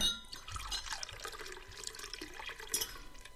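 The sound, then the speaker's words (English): Champagne is poured into glasses at a lobster and champagne feast in a recording studio, in the drama Dreaming of Fat Men. A steady splashing trickle with a bright fizzing hiss carries on for about three seconds, with no voices. “So please, help yourself to some lobster and champagne and join us for Dreaming of Fat Men by Lorelei Harris.”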